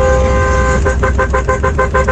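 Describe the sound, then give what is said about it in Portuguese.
Car horns blare over a low engine rumble at 4:34 in the morning: one steady, sustained honk runs throughout while another horn joins with a quick string of about seven rhythmic, punchy beeps. “Ó, 4h34 da manhã, o povo buzinando.”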